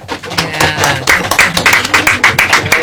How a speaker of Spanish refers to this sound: Aplauso de cuerdas y de cajas.